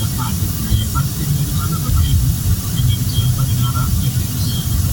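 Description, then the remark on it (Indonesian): Dense, steady street traffic noise from a jam on Jalan Pandanaran, where traffic is still stopped: a loud continuous rumble of engines and road hiss, with faint short higher-pitched tones popping up now and then and indistinct voices mixed in. “Ih, macet banget.”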